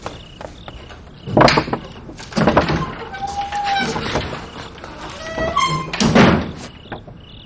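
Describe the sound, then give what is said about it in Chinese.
A door is opened with a few heavy wooden thunks and rattles spread over several seconds, alongside brief muffled voices and small handling noises. “快开门啊！”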